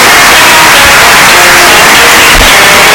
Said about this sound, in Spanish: No, el ruido blanco les ayuda a conciliar el sueño. El ruido blanco.